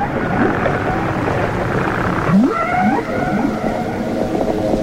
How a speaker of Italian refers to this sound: A volte si tratta di canti, note che si ripetono, assai analoghi a quelli degli uccelli, anche se in questo caso il nostro essere canoro non è altri che una invisibile balena.